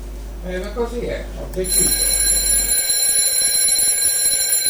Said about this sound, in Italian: Il primo legato al trillo della nostra radio sveglia.